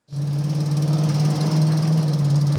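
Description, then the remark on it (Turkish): A Plymouth Cuda muscle car engine rumbles steadily at idle, a loud, continuous low drone with a rough, throbbing texture and no voices. “Plymouth Kuda gerçekten iyi bir alım oldu. Gürültülü, çok eğlenceli, harika bir araba”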